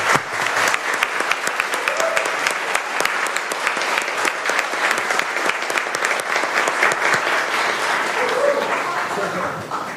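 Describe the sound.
A sustained round of applause from a crowd, dense rapid clapping at steady loudness for the full ten seconds, with faint voices mixed in beneath the clatter.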